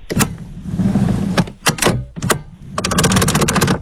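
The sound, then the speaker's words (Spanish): A car ignition cranks in bursts: sharp mechanical clicks and whirring pulses, a short pause, then a fast, steady run of rattling turns. It is fairly loud, with no voices. “¿El encendido del carro?”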